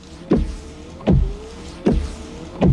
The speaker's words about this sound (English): Give up? It's Rain-X wiper blades. You see, Rain-X is already America's number one brand of wiper blades. So we can't move up any higher.